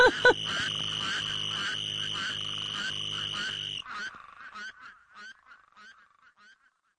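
A loud, dense chorus of spadefoot toads with a steady, high-pitched trill from a little green toad running through it and interrupting them, then the chorus abruptly stops, leaving a few scattered calls that fade out.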